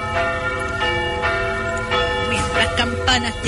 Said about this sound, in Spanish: Campanas llamándole a la misa. Exactamente, por los domingos precisamente.